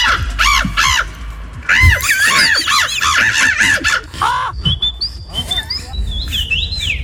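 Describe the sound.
A contestant at a bird-imitation championship imitates a bird call loudly into a microphone: a quick run of squawky, caw-like chirps, followed by thinner, higher whistled tweets rising and falling, with no talking.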